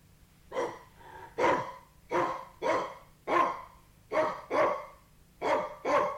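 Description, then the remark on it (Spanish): A small white dog barks about nine times in quick succession, a steady rhythm of sharp yaps over roughly six seconds, with no talking. “Con terror vi que era un perrito blanco fino, pero en aquella tierra de gigantes tenía el tamaño de un elefante.”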